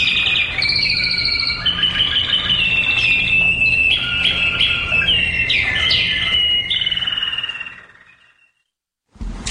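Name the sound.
birdsong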